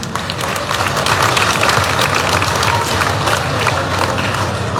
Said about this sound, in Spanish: Y por lo tanto, por todos estos trabajos, compañeros, con todo cariño y respeto, les pido un voto de aplauso, que hoy está con nosotros, juntamente con nosotros, nuestro hermano Evo Morales Ayma, compañeras, compañeros. Un voto fuerte de aplauso.